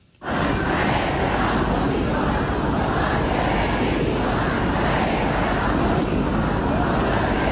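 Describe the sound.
A dense, steady roar of a large crowd of mourners at funeral proceedings in Mashhad, Iran, loud and continuous, with many voices blending into an indistinct mass of noise that begins abruptly and never lets up.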